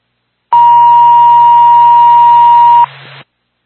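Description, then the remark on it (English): A fire dispatch paging alert tone, the second tone sent to the Bethlehem Fire Department and Ambulance for a fire alarm activation call in Bethlehem: one loud, steady, unbroken beep held for about two seconds over hissy radio static, which lingers briefly after the tone stops. “Bethlehem Fire Department, Bethlehem Ambulance, second tone, second call to 11 McFadden Road in Bethlehem for a fire alarm activation showing general fire and first floor smoke.”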